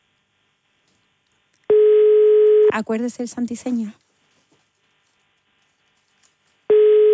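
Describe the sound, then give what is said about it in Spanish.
A loud, steady telephone line tone sounds for about a second, a brief spoken phrase follows, then after a few seconds of silence the same tone starts again. “Atención a los teléfonos.”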